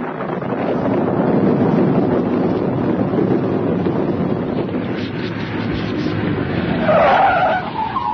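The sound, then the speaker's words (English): A car rumbles along with steady, rushing engine and road noise, then its tires let out a sharp, wavering screech as it skids to a halt near the end, stopping at the side of a road at night, amid a flash of lightning, for two men waving it down. No one speaks. “Talking to myself to keep awake, when suddenly there's a flash of lightning, and I see two men standing at the side of the road and waving to me to stop.”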